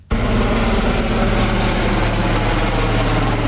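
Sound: helicopter flying overhead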